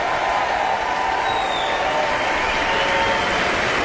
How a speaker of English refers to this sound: the audience continues their enthusiastic applause.